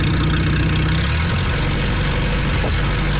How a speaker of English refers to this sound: Third-generation festival volunteer Glenn Beamish still rides the antique tractor you just heard. He restored it when he was 12.